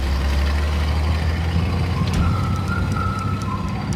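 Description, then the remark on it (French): About a hundred heavy trucks carrying packed artworks to the Château de Chambord, 160 km away, rumble steadily with a deep, droning diesel engine sound, a faint mechanical whine rising over the noise and a few clanks as they pull away. No one speaks. “Ils prennent ensuite la poudre d'escampette, emportée par une centaine de camions, destination Chambord, un château situé à 160 km.”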